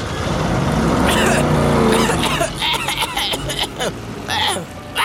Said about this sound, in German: Beim Wegfahren gibt Tobi so ungestüm Gas, dass seine Reifen durchdrehen und Kasimir hustend in einer Staubwolke verschwindet.